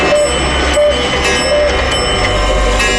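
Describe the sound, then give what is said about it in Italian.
Many clocks, all exactly 25 minutes slow, chime eight o'clock together in a dense, sustained wash of bright metallic tones, with a few sharp ticks and clicks poking through and a low rumble underneath. “Orologi che sto sentendo?”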